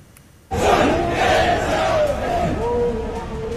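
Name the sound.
protest crowd chanting slogans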